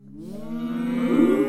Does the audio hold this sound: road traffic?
no